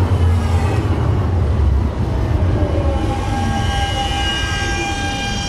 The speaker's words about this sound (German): ich bin jetzt links abgebogen und werde jetzt gleich in die Straßenbahn steigen. Ich sehe hier vorne schon die Halte.